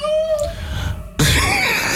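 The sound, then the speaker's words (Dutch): A female cat and a neighbour's tomcat yowl in a garden in the evening: a drawn-out, wavering wail slides downward, then breaks into a loud, harsh, screeching outburst that carries on to the end. “Onze poes en buurmans kater. Maak het iedere avond later in de tuin bij ons.”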